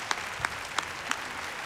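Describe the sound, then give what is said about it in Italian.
A concert audience applauds two performers as they walk on stage one behind the other: a steady wash of clapping with a few sharper claps popping out at an even rhythm, and no voices. “Entrambi stanno arrivando, uno dietro l'altro, quindi l'applauso che sentirete a brevissimo li accoglie.”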